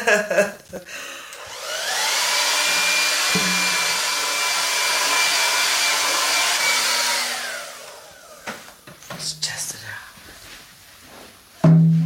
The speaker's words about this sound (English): It's like, oh my God, it takes all so long to get the chickens in a row, and we finally figured out the hair dryer works the best.